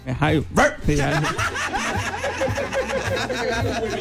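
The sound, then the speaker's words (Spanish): A person lets out a few short, loud woof-like barks in imitation of a dog, then chuckling and overlapping voices from a crowd follow. “Si el público me diga, a ver, ladra.”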